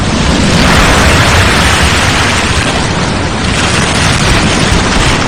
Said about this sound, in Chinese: 说把海螺放在耳边，就能听到大海的声音。你听，